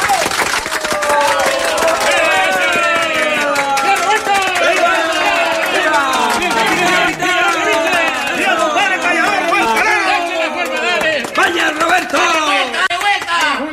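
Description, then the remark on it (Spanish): A crowd bursts into sustained, loud applause, dense rapid clapping running steadily for about fourteen seconds, mixed with cheering voices and shouts throughout, at a singer's home during a tribute by a group of rocolera artists celebrating his 50 years of singing. “¡Venga ese aplauso!”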